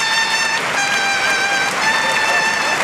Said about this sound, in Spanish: Gran ovación para Luis Blázquez. Montera en mano a la altura de la puerta del Príncipe. Le aplaude Borja Jiménez. La plaza en pie. Todos los banderilleros, aplaudiendo los compañeros, a Luis Blázquez. Los compañeros le aplauden 30 años de honestidad.